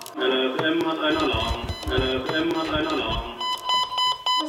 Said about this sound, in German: Als der Alarm kommt, schaut sie gelassen auf ihren Melder.